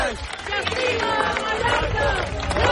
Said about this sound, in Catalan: El so dels crits de les 10.000 persones que avui han participat en aquesta cadena humana en què diverses organitzacions ecologistes de Mallorca han fet com a rebuig a l'especulació immobiliària que està degradant, diuen, els espais naturals